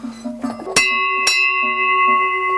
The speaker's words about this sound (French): Ça c'est plutôt des cloches, bon on les met pour transhumer, mais qui pouvaient rester sur les vaches l'été.